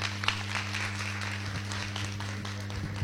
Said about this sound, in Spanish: Ella es la diputada nacional Carmen Jiménez, la que es la propulsora de esta iniciativa que hoy vamos a estudiar. Le recibimos con un fuerte aplauso.